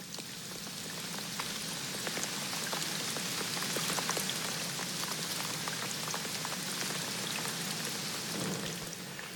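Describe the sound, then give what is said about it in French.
Steady rain falls continuously on a quiet street at night, a dense hiss of drops pattering on hard surfaces with scattered sharper splashes. Even and moderately loud throughout, with no voices or traffic. “Imaginons que nous sommes dans une rue la nuit, assez peu fréquentée, et il pleut.”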